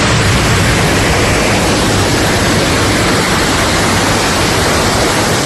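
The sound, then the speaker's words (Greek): Loud, steady roar of rushing floodwater pouring down a street on Skiathos, where streets have turned into rivers, the water sweeping away tables, chairs and other objects from shops; a dense unbroken wash of churning water that fills the whole scene without pause and with no voices. “Τα ορμητικά νερά παρασυρούν τραπεζοκαθίσματα και άλλα αντικείμενα από τα καταστήματα.”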